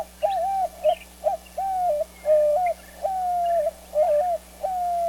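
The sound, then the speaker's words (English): A dove coos repeatedly in a steady rhythm of short, hollow, wavering phrases, clear against a quiet background with no one talking. “The cacti provide doves with a crucial source of water in the driest part of the Sonoran summer.”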